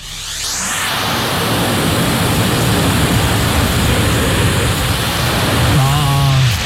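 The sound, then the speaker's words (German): A vacuum cleaner sucks up several pieces of confetti: a loud, steady, hissing roar starts after a brief pause and runs unbroken to the end, with a short tonal whine rising out of it near the finish. “Und es ist nicht ein Konfetto, es sind tatsächlich mehrere Konfetti.”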